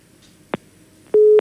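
A telephone busy tone after a caller to a phone-in show hangs up: a short click, then a steady mid-pitched electronic tone that starts and stops abruptly, sounding clearly on an otherwise quiet line with no voices.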